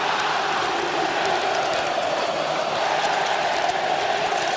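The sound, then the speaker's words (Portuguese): Remo football supporters in a stadium chant and roar together, answering the Palmeiras supporters. A dense, steady wall of voices holds at an even loudness throughout, with no one speaking over it. “Vamos ouvir o Remo agora, a torcida do Remo respondendo à torcida do Palmeiras.”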